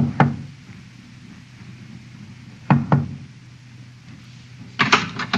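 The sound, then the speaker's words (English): Quiet, discreet knocks by a ship's first officer on the door of cabin B-24 at 2:30, first a single tap, then a pair, then a quicker cluster of raps, spaced out over a low steady background hum with no voices. “knocked discreetly on the door to B-24.”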